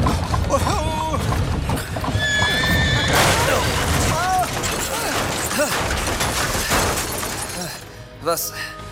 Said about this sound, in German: Über die Landstraße ging es dem Walde zu. Dicht umstanden hier alte Eichen, Buchen und Birken den sandigen Weg. Der Kutscher hieb rufend auf die Pferde ein. Schwer ächzte die Karosse die steile Fahrstraße hinauf.